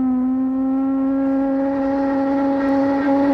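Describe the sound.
A voice imitates a ship's horn with one long, steady, low droning tone held for about three seconds, rising very slightly in pitch and staying loud throughout.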